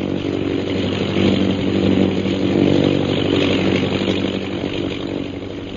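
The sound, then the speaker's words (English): The engine of a Royal Air Force propeller airplane approaching Dumba Pass drones steadily and loudly, its low buzzing hum holding an even pitch and swelling slightly in volume over several seconds. No voices are heard. “Meanwhile, far to the south of Bhutan's camp, an airplane carrying Captain Carstairs and Lieutenant Rogers of the Royal Air Force approaches Dumba Pass.”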